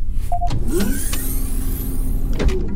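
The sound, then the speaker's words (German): A motorized shuttle door opens with a steady mechanical whir lasting a couple of seconds, framed by a clunk as it starts and another as it stops, fairly loud, while the shuttle hovers one meter above a cave floor. “öffnen Sie die Tür.”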